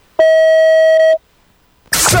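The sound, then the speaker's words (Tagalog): A single loud, steady electronic beep, the voicemail recording tone, holds for about a second, then cuts to a short silence before a burst of rough noise begins. “Please record your message after the tone.”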